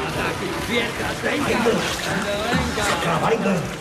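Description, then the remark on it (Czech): Steady rushing water of a running shower fills the background at a fairly loud level while voices talk over it. “Nevidíš, že neslyším, když teče voda?”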